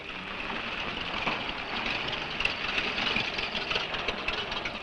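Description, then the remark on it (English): The engine of Mr. Harris's car runs steadily, a continuous rumbling drone with a faint rattly edge that holds an even level throughout, with no voices. “Man, that fella has a jewel of a car.”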